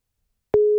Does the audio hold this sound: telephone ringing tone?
yes